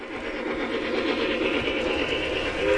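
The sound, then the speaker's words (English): A model train rumbles steadily along its track at a model train expo in the San Antonio Church Expo Hall, on a massive, hyper-realistic display built by the group Tin Plate Trackers. A continuous mechanical whir with faint rhythmic clatter, fairly loud throughout, with no voices. “The trains held the attention of young and old as they trundled around the tracks.”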